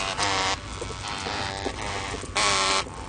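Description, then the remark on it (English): Two loud, harsh buzzing bursts like phones vibrating, one near the start and one near the end, over a steady rough droning hum that continues throughout. “Or these mobiles left on vibrate.”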